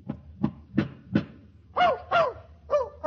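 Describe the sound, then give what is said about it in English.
A dog named Fletcher barks alone in a hotel room in a quick series: four short, punchy barks at an even pace, then three longer, higher-pitched yelping barks, all moderately loud. “Burke, the manager of the hotel, finds that dog in here, you're going to be in trouble.”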